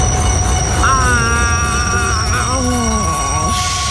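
A train rolls along the rails with a steady low rumble while its wheels let out high, wavering metallic squeals that rise and bend throughout, loud.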